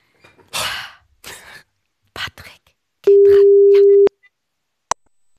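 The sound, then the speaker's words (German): A single steady telephone ringing tone sounds clearly for about a second, loud, after a few short breathy, rustling bursts, as a typed-in number is called; a brief click follows. “Deswegen habe ich die Nummer hier schon mal vorbildlich eingetippt und wenn du ready bist, würde ich einfach mal anrufen.”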